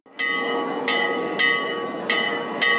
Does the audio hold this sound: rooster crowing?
no